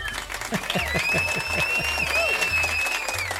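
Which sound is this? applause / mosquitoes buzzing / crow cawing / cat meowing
applause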